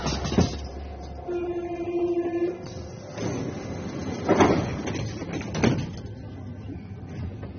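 Inside a crowded Paris metro carriage: a steady rumbling hum with a brief motor whine, broken by a few sharp clunks and whooshes of sliding doors, with faint crowd murmur in the background.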